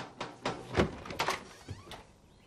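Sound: door being opened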